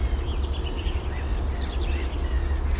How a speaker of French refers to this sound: Rouge-gorge.